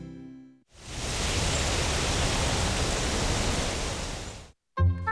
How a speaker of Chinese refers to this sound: 听着清爽的秋风，整个人啊都觉得舒服极了。